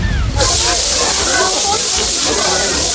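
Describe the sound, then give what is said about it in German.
Cling film rustling: a dense, steady crinkling hiss that starts abruptly after a brief quiet moment and continues loudly and evenly to the end. “Es ist Frischhaltefolie, die komischerweise raschelt.”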